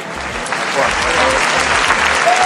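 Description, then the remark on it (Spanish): Steady, dense applause from a large crowd of protesters outdoors as they arrive at the doorway of a house after marching from the Puerta del Sol to the Retiro district, loud and continuous throughout, with a faint murmur of voices mixed into the clapping. “Y fue así, entre aplausos, que llegaron al portal de su casa los manifestantes que han marchado desde la Puerta del Sol hasta el Distrito del Retiro.”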